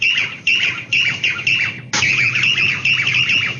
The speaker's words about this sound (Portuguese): Que passarinho é esse, ó? De novo, de novo, de novo.